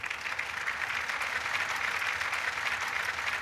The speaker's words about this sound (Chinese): 下面我们以热烈的掌声邀请省林业厅赵厅长讲话。